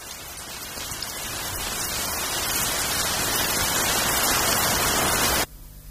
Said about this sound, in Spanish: Venga, pues vamos a empezar por algo tan simple como la lluvia. A ver si adivinas cuál es la lluvia real y cuál es su Foley.